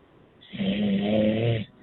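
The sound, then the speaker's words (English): A single loud, rumbling snore from a man asleep at 2 a.m. in Montreal lasts about a second, a low buzzing inhale, with a quiet pause before and after and no talking. “He's snoring!”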